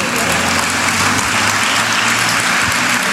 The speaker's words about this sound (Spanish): Bueno, dale el aplauso a Cristo Jesús.